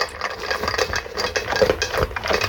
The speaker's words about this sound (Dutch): Onze honden die de brokken opeten. Nou, dat is een heel mooi voorbeeld. De honden die de hondenbrokken opeten.